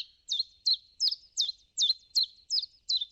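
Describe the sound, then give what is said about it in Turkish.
A booted eagle, recorded in Iran, gives a run of about eight sharp, high whistled calls at a steady, even pace, each a quick downward-slurred note, clear with no other sounds. “Bu programda kullandığımız kuş seslerinden Küçük Kartalı, Amir Mahdi, Keyha, İran'da.”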